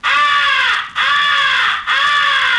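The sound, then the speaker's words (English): Three loud, harsh, drawn-out caws in steady succession, each slightly bending in pitch, blown on a crow call to mimic a crow in distress, the 'come here' call used to attract the attention of distant crows; continuous with brief gaps between them. “First is the come here call, which is used to attract the attention of distant crows. It is a call of a crow in distress.”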